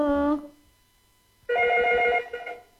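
A telephone rings twice with a bright, harmonic electronic trill as a listener calls in to the radio show Suara Budaya Nusantara: a short burst, a pause of about a second, then a longer ring that fades out, fairly loud.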